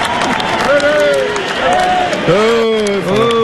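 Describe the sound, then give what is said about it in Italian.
A loud, dense wash of crowd applause runs throughout, with excited voices shouting and cheering over the clapping in rising and falling calls. “C'era un grande entusiasmo, degli applausi per qualcuno e poi è successo qualcosa.”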